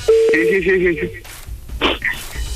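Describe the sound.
A steady electronic telephone tone sounds for about a second, like a call ringing through, then cuts off as a faint voice answers briefly over a slightly noisy line.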